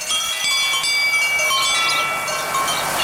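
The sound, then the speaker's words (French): Many small livestock bells clank and jingle continuously while a shepherd's ewes bleat now and then as the flock arrives at a field to graze, a busy flock sound at steady loudness with no talking. “Le berger demanda au renard de retrouver son chemin car ils arrivèrent tous au champ et les brebis purent brouter.”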